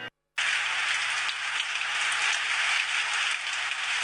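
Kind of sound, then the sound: nature, rain falling outside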